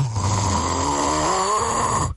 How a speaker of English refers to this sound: You're snoring.